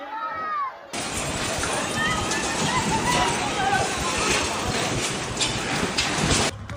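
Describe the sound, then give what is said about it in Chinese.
After a brief voice, a loud, continuous roar of collapsing buildings and rushing debris raising dust sweeps in for several seconds as an earthquake strikes near Caracas, Venezuela, on June 24, filmed by eyewitnesses. Panicked shouts and high screams come from a crowd gathered in the street, many fleeing. “这是6月24号委内瑞拉首都加拉加斯附近地震来袭的瞬间目击者拍摄的画面，画面中建筑轰塌扬起漫天尘土，街道上聚集了许多民众，不少人惊慌奔逃，尖叫声此起彼伏。”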